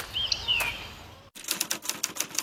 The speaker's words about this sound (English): It's a typewriter. I saved it from landfill and now I'm using it to complete my WasteNet Community Waste Minimisation Fund application.